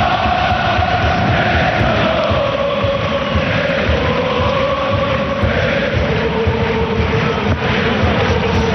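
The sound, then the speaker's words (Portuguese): A football stadium crowd at the Citer Stadium, during a match between Benfica and St. Gallen, roars steadily and loudly from the stands, a dense wash of many voices with faint drawn-out tones like group chanting woven through it, never letting up. “Escute o ambiente no Citer Stadium.”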